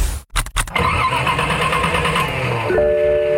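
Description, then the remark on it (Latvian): An old car engine cranks in a few short, stuttering bursts, then catches and runs with a rough, steady drone that settles into a shaky idle. “Nu nē! Vecais uzdzen šermuļus, atvadies no tā, izvēlies jaunu auto no Mobire”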